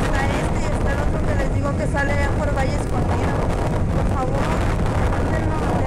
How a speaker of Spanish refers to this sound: Hay viento fuerte también a esta hora.